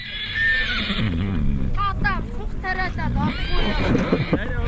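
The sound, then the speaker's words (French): A horse neighs loudly several times in quick succession, the shrill whinnies rising and falling in a wavering trill over a steady, rumbling background, with faint voices mixed in, as a rider at full speed chases another horse at full speed. “La manœuvre est périlleuse hein, parce qu'il est sur son cheval, à pleine vitesse, l'autre cheval est aussi à pleine vitesse, les deux essayent de s'emporter.”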